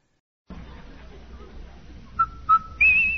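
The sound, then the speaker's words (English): Over a hissy, crackling background, the Rinso soap whistle from a 1950 radio commercial sounds three notes: two short, clipped tones followed by a longer, higher held note, clear and fairly loud. “Hey, Andy, hear that whistle? Sure do, Amos.”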